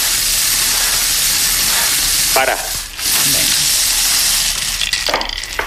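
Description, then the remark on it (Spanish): A steady, dense rattling hiss of small balls tumbling inside a spinning lottery drum, with a few louder clattering bursts partway through and a brief spoken word. “Bueno, pues a calienta, bombo.”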